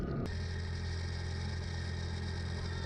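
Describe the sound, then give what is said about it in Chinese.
A motorcycle engine runs steadily, its low, even drone holding for the whole stretch after a brief sharp start, with no voices. A herder rides off on the motorcycle to look for cattle missing from the pen, in Qilian Mountains National Park, China. “顿珠才旦发现牛圈里的几头牛不见了，匆忙骑上摩托车去找。”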